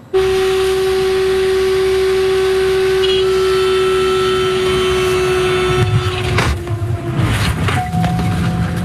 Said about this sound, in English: This video shows the dramatic moment when the plane touches down. The pilot says the aircraft suffered engine troubles.